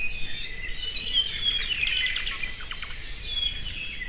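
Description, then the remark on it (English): A Hawaiian thrush sings a run of bright, warbling phrases with quick rising and falling notes against a steady hiss of background noise, with no voices present. “All the Hawaiian Islands used to have their own species of thrush, but unfortunately, Kauai is the only other one where they've not yet gone extinct.”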